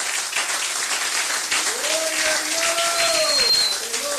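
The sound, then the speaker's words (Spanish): An audience applauds Christ in a dense, steady roar of clapping, with voices calling out and cheering over it partway through. “Un aplauso a Cristo en esta bendita noche, aleluya.”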